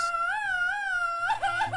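A man lets out a Mexican grito: a long, high, wavering yell held for over a second, then breaking into choppier, warbling bursts at the end. It is loud and stands alone, with no talking.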